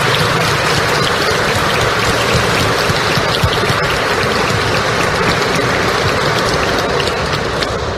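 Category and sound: crowd, audience applause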